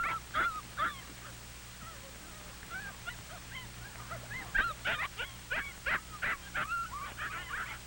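Several puppies yip, whimper and bark in quick, overlapping bursts, their high-pitched cries repeating irregularly over a steady low hum.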